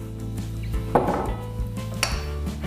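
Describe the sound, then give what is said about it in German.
A utensil stirs Philadelphia cream cheese in a bowl in a kitchen, with soft scraping and two brighter clinks against the side over a steady low hum. No one speaks. “Groß genug, dass man eben das Philadelphia schön verrühren kann.”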